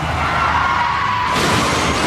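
A car rolls over in a loud, continuous crash, metal grinding and glass shattering in a dense burst of noise that shifts partway through, with no one speaking.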